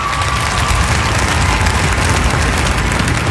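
A crowd applauds steadily at an outdoor statue unveiling as King Harald pulls the cord and the cloth covering the 3.5-metre statue comes off; dense overlapping clapping that stays loud and even throughout, with no speech.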